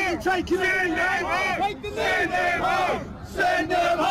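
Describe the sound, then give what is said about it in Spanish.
A protest crowd in London chants the slogan "Send them home" in unison, many voices shouting it repeatedly with rising and falling pitch, loud and sustained with brief pauses between phrases. “Mándenlos a casa, es lo que gritan.”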